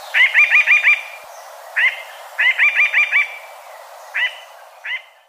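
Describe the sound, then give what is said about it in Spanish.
A mountain jay trills in quick bursts of five rapid, bright notes, then shorter two-note calls, fairly close and loud, with no one talking. “El trino del arrendajo montañero forma parte del Banco de Sonidos de Aves Colombianas recopilado por el Instituto von Humboldt y la Universidad de Cornell.”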